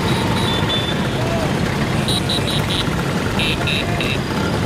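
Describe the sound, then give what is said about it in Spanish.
A steady rumble of many Vespa scooter engines, some 10,000 riders from many countries carrying flags, fills the streets of Rome in front of the Colosseum, while several high, short horn toots sound in quick clusters, a few in a row, then another burst. “Con banderas de sus países tocando el claxon, como decimos, y esa postal tan bonita, tan italiana, de las 10.000 Vespas recorriendo las calles frente al Coliseo Romano.”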